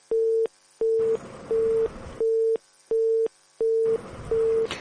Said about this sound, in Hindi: चलिए, एक और दोस्त हमारे साथ जुड़ना चाहते हैं, उनका फोन नहीं लग रहा है।